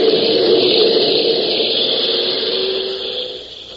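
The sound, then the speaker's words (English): A loud, steady drone of airplane engines as the plane flies through thick, heavy weather with storm clouds on all sides, runs unbroken throughout, a constant whirring hum with a hissing upper edge that eases off slightly at the very end. “The weather is thick and heavy, storm clouds sweeping around him on all sides, and above the steady drone of the engines, he can hear the low, menacing rumble of thunder.”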